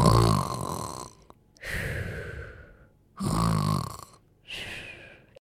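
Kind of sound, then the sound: human body sound, snoring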